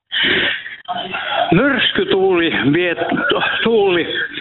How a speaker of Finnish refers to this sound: sulla on tosi kovalla radio siellä taustalla, niin siirrytkö vähän kauemmaksi tai jos saa radiota vähän pienemmälle, niin ei lähde kiertämään.